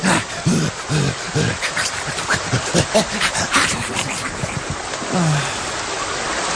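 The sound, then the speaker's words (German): A wet dog shakes itself off after a bath, throwing a loud, continuous spray of water droplets, with a person's voice briefly speaking over the splashing. “Ja, lass raus jetzt. Nee, nicht schütteln, nicht zu mir, nee.”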